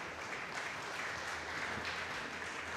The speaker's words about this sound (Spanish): Fuerte aplauso a Cristo.